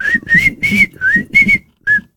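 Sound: person whistling a melody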